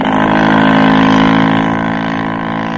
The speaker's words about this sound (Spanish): La lancha se alejó rumbo al segundo navío.